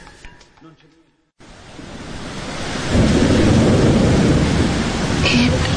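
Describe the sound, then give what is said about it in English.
After a brief snatch of voice and a moment of silence, a heavy thunderstorm swells in: dense pouring rain builds into a loud, steady roar with deep rumbling underneath. “It poured last night. Did you hear? Did you hear the sound? It was like a revolution in the sky.”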